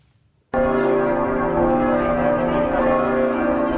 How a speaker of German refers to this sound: Noch läuten die Glocken hier nicht zum Geburtstag des Kardinals. Es ist erst Samstag, 8 Uhr morgens vor dem Dom.